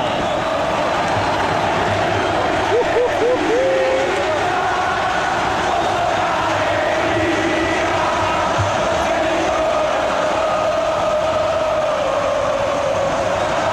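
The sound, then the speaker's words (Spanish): A packed stadium crowd of Boca fans roars and chants for Boca in a dense, steady wall of voices that stays loud throughout, with a brief wavering whistle rising early on. “Se eleva el grito por Boca. Enloquecidos los habitantes del templo, escuchalo.”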